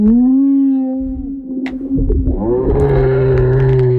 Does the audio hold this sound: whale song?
yes